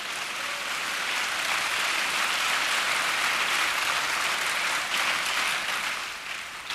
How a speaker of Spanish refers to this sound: Si va a aplaudir, aplauda al Señor fuerte.